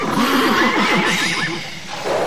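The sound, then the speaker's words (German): A horse whinnies loudly, a long wavering neigh that rises and falls in pitch over about two seconds, with no voices present. “Immer zuerst um die Pferde kümmern.”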